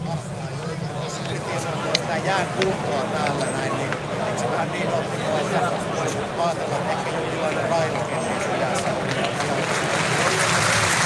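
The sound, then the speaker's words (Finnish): A large ice hockey crowd at the Nordis arena claps steadily as injured JYP player Huovila is carried off on a stretcher, a dense wash of applause that holds for the whole stretch and swells a little toward the end, with faint voices mixed in beneath it. “Huovila saadaan paarien päälle ja Nordiksen yleisö antaa suosion osoitukset.”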